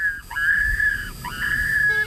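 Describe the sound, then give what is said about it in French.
An electronic wildlife warning beacon at a railway site in the Pays de la Loire, France, where more than 150 trains pass daily, sounds two steady, whistle-like tones, each about a second long with a quick rising start, clear and fairly loud over a low background rumble. “J'aurais beaucoup de mal à vous le décrire, ce sont des sons électroniques, comme celui-ci.”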